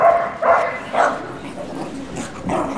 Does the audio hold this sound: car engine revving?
no